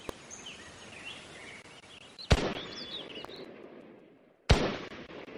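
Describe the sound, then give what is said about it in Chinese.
Two sharp pistol shots ring out about two seconds apart at a shooting range in the mountains, each a crisp crack followed by a short echoing tail, against a faint outdoor background with birdsong; bullets strike a paper target near the foot of the mountain. “山间靶场，随着清脆的枪声，靠近山脚的一张靶纸上零星地落着几处弹痕。”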